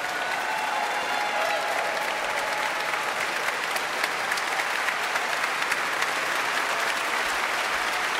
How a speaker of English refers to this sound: More cheers from a very enthusiastic audience for guest conductor Matthias Pinscher.